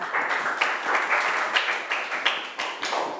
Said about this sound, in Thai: เก่งมากกลุ่ม2ปรบมือให้กลุ่ม2ค่ะ